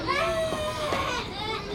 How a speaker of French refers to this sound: Tu entends ? On dirait que quelqu'un pleure.